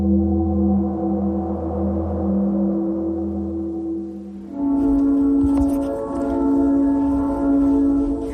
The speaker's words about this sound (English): Well, I don't know if you can hear the train. I get that a couple of times a day in my office, and it's the tourists going from Blue Ridge to McKaysville, and I love hearing it.